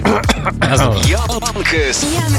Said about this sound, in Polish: No, teraz możesz odchrząknąć.